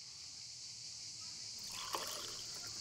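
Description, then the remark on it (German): Against a steady background hiss, pastis, usually about 2 cl, is poured into a glass before the water and ice for about a second, a short liquid gurgle and splash. “Der große Moment. Zuerst den Pastis.”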